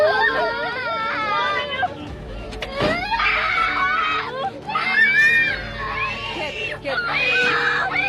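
Several children cry and wail at once in a school transport van whose driver was forced to stop by a man on a motorcycle, loud, their high, wavering sobs overlapping continuously over a low engine-like rumble.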